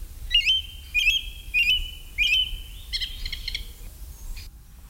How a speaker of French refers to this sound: Le premier oiseau, c'est la grive musicienne. La plus courante de nos grives, présente toute l'année.